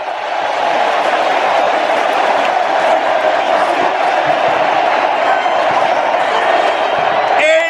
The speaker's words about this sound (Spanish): Hay que callarnos para escuchar porque Leo Messi va a salir del campo y también nosotros vamos a aplaudir. En este momento Leo Messi va a salir del campo. Escuchen.